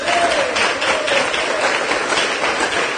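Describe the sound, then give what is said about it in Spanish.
A crowd applauds loudly and steadily for the biblical figures Joshua and Caleb, a dense wash of many hands clapping with no pauses, plus a faint whistle-like tone rising briefly early on. “Fuerte aplauso a estos dos hombres.”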